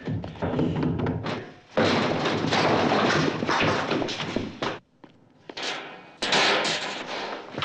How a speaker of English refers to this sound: The cops batter down the door and head inside the bar.